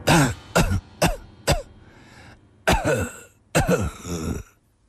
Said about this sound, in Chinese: 喘息着，又咳嗽了起来。